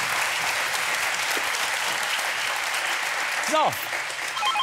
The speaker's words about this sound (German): Begleitet vom Applaus unserer Zuschauer.